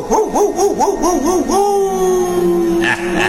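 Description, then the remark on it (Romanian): A dog barks in a quick run of warbling, rising-and-falling yelps that stretch into one long, drawn-out vocal note, loud and alone with no talking. “Ia latră tu blestemul ăsta.”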